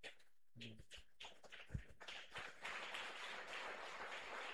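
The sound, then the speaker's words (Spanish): A crowd, including people standing outside, breaks into applause for Christ Jesus to welcome a man of God, starting with a few scattered claps and swelling after a couple of seconds into steady, dense clapping that carries on without pause. “Recibimos al hombre Dios con fuerte aplauso para Cristo Jesús.”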